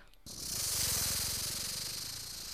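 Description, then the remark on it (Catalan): A person imitates a rattlesnake with one loud, steady hiss lasting over two seconds, a fast buzzing rattle running beneath it. “Anem, una serp?”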